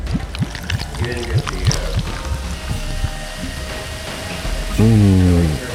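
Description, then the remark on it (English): Brownish Mole Cola soda glugs steadily from a bottle into a glass for several seconds, the pour fairly loud, with a brief burst of voice-like sound near the end. “But first, I'll pour this delicious brownish liquid.”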